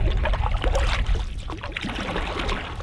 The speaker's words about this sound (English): On a beautiful, sunny morning in late spring, I find myself in the stern of a canoe, snaking through a river not 2 meters wide in parts.